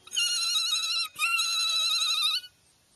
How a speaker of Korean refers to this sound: 종소리야, 이제 전부 다 깨끗해졌어.